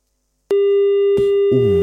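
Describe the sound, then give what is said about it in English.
A loud, steady electronic busy tone cuts in abruptly after a moment of silence as a phone call drops, and holds, with muffled noise and a voice-like sound rising underneath it toward the end. “We lost you on the line.”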